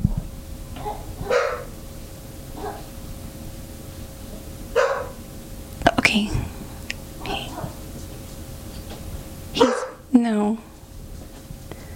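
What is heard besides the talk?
puppy barking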